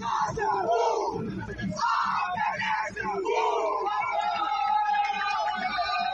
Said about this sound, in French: Des cris de joie d'un côté et des cris de désespoir de l'autre. Ce sont là les émotions qui ressortent auprès des supporters des deux clubs abordés à la fin du match.